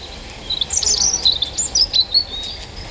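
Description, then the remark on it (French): A European robin, a bird of about 12 cm and 21 grams, sings overhead a thin, high, warbling song of rapid, varied phrases and trills, clear and continuous over a soft background hiss, with no voices. “Le poids plume du rouge-gorge au-dessus de moi, son sens de la mélodie et ses gènes de dinosaure me laissent bouche bée.”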